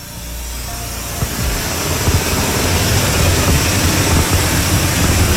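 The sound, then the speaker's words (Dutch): A car lift lowers a hail-damaged car in a car body repair garage in Koudekerke, Netherlands, its motor and hydraulics giving a steady mechanical hum that builds slightly and runs continuously, with a few faint clanks underneath. “We halen nu een auto naar beneden en die heeft wat schade.”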